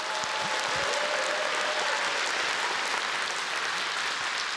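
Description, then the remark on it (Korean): Steady, dense applause from a large audience after a performance combining Korean traditional music (gugak), orchestra, vocal music and dance, a continuous wash of clapping at an even, loud level with no talking over it. “여러분께서도 같은 마음이시라면 그 감동을 따뜻한 박수로 함께 나눠주실까요?”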